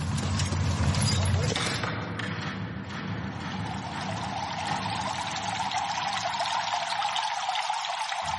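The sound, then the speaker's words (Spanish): Steady splashing and pouring water in the bath building of ancient Roman baths, where people come to bathe in cold, warm and hot water: a continuous rushing wash that stays fairly loud throughout, with faint indistinct voices mixed in the background. “en el edificio de las termas. Aquí viene la gente a bañarse, pero a bañarse de una forma muy especial.”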